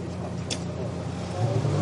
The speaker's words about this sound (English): The fact that slick tyres are being put on as Kay Kramer Racing Audi comes in as well to the pit lane, parks a bit jauntily.